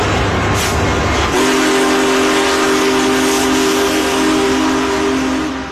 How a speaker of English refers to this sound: A majestic steam locomotive pulling into St. Louis Union Station. Big Boy was restored to celebrate the 150th anniversary of the Transcontinental Railroad's completion in 2019.